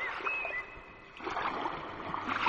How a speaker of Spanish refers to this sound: Para los que nos vayamos a Valladolid, nos quedamos en Coruña escuchando este sonido del mar